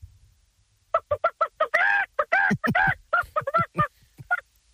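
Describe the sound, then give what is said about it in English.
A man's voice calls a chicken at the Nova State Fair, a run of short clucking bursts building into a louder, drawn-out squawking call, loud with no other sound. “Have you ever called a chicken before?”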